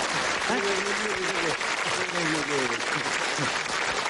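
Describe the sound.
A large audience applauds steadily and loudly for several seconds, a dense continuous clatter of clapping, while a man's voice talks over it.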